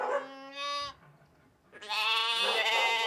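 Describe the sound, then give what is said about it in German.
Bottle-fed lambs waiting for their milk bleat loudly, two wavering calls separated by a short pause, the second longer and overlapping with another bleat. No one speaks. “Und dann sind da ja noch die Buddellämmer, die auf die Milch warten.”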